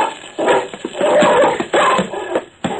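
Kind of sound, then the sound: animal, dog snarling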